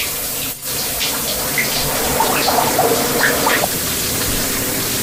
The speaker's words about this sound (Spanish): A esta hora nos hace falta pasar por agüita. Vamos a la ducha entonces. ¡Ay, rico!